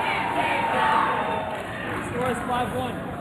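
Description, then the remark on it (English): A dense roar of crowd cheering in an arena fills the whole stretch, steady and loud with scattered shouts and whoops rising out of the wash of voices, as a player's move brings the crowd to its feet. “Bringing the crowd to its feet.”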